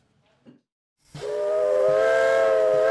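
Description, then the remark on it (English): After a moment of near silence, a steam locomotive whistle on a heritage railway, the Brecon and Merthyr line in Wales, blasts loudly, holding a steady, sustained chord over a broad rush of hissing steam until the end. “There's been railway traffic on the Brecon and Merthyr line since 1859. And while steam may be holding back the march of time in Wales, politics is not.”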